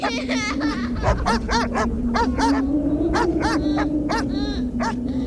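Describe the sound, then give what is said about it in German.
Several skinny dogs bark and yelp in quick, irregular bursts in a residential container settlement on the edge of Rattighüffen, fairly loud, over a steady low droning hum that runs underneath the whole time. “Magere Köter pinkeln an kaputtes Kinderspielzeug, der Wind fegt leere Bierdosen durch den Modder vor den Blechquadern.”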